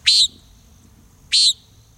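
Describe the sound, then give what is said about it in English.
Two short, buzzy, nasal calls of a common nighthawk at twilight, spaced about a second apart, sharp against a quiet background; the nighthawk is sweeping the sky for insects. “As sunset draws near, watch for birds that become active in the twilight, like common nighthawks sweeping the sky for insects.”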